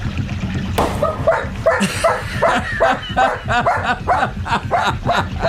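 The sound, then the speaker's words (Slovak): An old dog barks and yelps repeatedly in short, excited bursts, loud, with a busy rumbling background underneath. “Nech to vie aj to staré psisko.”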